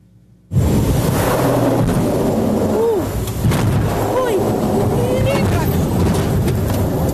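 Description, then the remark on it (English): Recorded from inside a passenger seaplane making a hard landing on the East River between Manhattan and Brooklyn: it slams into choppy water with a sudden loud crash and starts to sink, followed by a steady, heavy roar of churning water and rumbling noise, with faint voices mixed in. “That plane slamming into the choppy water between Manhattan and Brooklyn and starting to sink inside the plane, the passengers shocked.”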